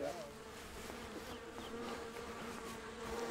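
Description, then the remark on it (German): A dense, steady hum of many honey bees buzzing around a hive, continuous, with individual bees droning past over the constant drone. “Der alte Imker hat Johannas Familie auch drei seiner Bienenvölker überlassen.”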